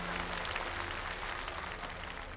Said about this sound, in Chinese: 哇，此处应该有掌声。